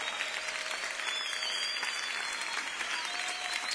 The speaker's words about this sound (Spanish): Te aplaudimos a ti, Jesús. Alabanza y honor a ti, Señor.